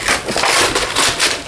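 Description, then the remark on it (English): Loud, dry crinkling and tearing of old paper, a steady run of crackly rustles with brighter bursts every few tenths of a second, with no voices. “It could also just be some old paper that you want to rip up.”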